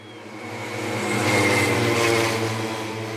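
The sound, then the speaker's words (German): Rattling pacer motorcycle engines drone steadily, swelling louder through the middle as they pass, then easing off slightly, at a motor-paced (stayer) cycling race on the cycling track in Forst, Lausitz, Germany, with cyclists riding in their slipstream. No voices, just the continuous buzzing engine noise. “So klingen Radrennen in Forst. Vorneweg knattern die Motoren der Schrittmachermaschinen.”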